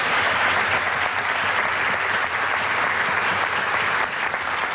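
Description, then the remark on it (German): Sustained audience applause for a Low German (Plattdeutsch) language group, AG Platt from Griebswold: a dense, steady wash of many hands clapping at an even, loud level throughout, with no voices standing out. “Das ist nur der große Applaus für die Token von der Plattdütschen Sprache.”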